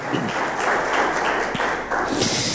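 An audience gives a loud round of applause to the Lord during a sermon, a dense, steady wash of clapping with scattered sharper claps standing out for the whole stretch.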